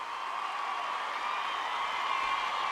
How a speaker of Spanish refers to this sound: Un aplauso de verdad para él.